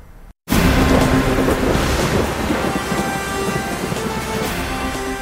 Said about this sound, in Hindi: कहीं आसमान में उमड़ घुमड़ रहे बादल तो कहीं छाई घनघोर घटा और कहीं झमाझम बरस रहे बादल। देश के बड़े हिस्से में यही माहौल बना हुआ है।